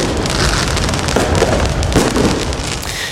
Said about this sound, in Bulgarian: Кулминацията сега са фойерверките пред Айфеловата кула. Красив завършек на нощта, но не и на празненствата, които тепърва започват.